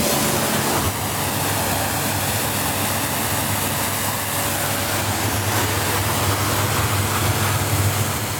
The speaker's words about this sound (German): Chef und Inhaber der Bootswerft Wolf zu Wallenstadt und spritzt gerade das nächste Motorboot ab.